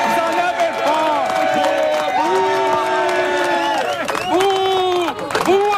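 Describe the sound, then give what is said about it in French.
A loud crowd boos and shouts at Joe Dett, with many voices holding long, drawn-out wails that rise and fall in pitch, overlapping continuously for about six seconds; the man shouting "bouh" at the end is François Legault. “Mais le gars qui crie « bouh » à Joe Dett à la fin, là, c'est François Legault.”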